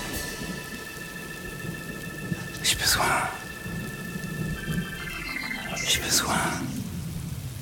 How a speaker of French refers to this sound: Il pleut, merde.